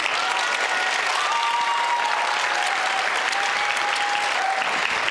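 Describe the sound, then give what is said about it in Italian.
An audience of about 200 to 250 people at a show applauds on request steadily for about five seconds, a dense, even wash of clapping with no pauses and no voices standing out. “Quindi ogni volta che applaudite, ma sempre, anche quando non vi fa ridere, applaudite, applaudite”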